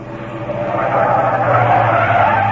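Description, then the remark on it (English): A taxi's tires skid to a sudden stop with a loud, sustained screech that swells and holds for a couple of seconds, heard alone with no voices. “Stop the car! Stop this car at once!”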